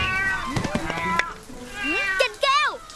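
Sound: cat meowing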